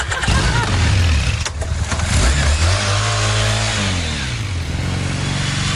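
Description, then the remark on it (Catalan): A motorcycle engine revs loudly, its pitch climbing and dropping in a few throttle bursts before settling into a steady rumble. “Déjame subir en la moto.”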